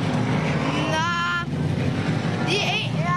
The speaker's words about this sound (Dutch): Het zijn een beetje schoenachtige autootjes, Menno, die hier langs rijden.